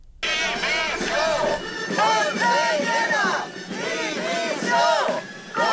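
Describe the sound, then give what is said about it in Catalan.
A large crowd of hundreds of protesters gathered at the doors of the conselleria, in a mobilisation of striking teachers, chants in unison, the loud massed voices rising and falling in a steady repeating rhythm of shouted phrases that carries on without a break. “Mentrestant, centenars de manifestants s'han concentrat des de primera hora a les portes de la conselleria des d'on ha eixit una manifestació que acabarà a la plaça de la Mare de Déu.”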